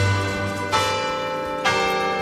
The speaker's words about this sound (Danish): De ikoniske klokker, som har ringet hver dag de sidste 100 år, altså har ringet Radioavisens 12 nyheder i gang.